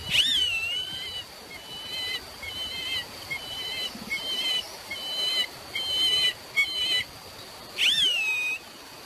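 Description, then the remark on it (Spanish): A bird's thin, faint whistling call repeats from a distance, with a swooping whistle at the start and end and shorter notes between, over a steady background hiss. “Así como una especie como de silbidito, como sí.”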